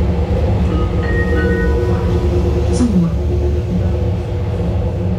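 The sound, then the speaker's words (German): A train rumbles steadily through a railway station on a sunny, summery May day as a passenger gets off. It is a deep continuous drone with faint metallic squeals and tones above it, and indistinct voices murmuring in the background. “Als ich am Bahnhof aussteige, schauen mich auch schon ein paar Leute mit einer Mischung aus Skepsis und Besorgnis an.”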